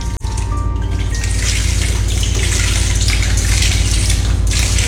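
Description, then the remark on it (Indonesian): Loud, continuous rushing and churning water with a bubbly, submerged quality, as Abang Astina is taken diving down to the bottom of the Loksado River, steady throughout after a brief sharp splash at the start. “Atas keputusan bersama, dengan ditemani Kanan Patahu, Abang Astina dibawa menyelam ke dasar Sungai Loksado.”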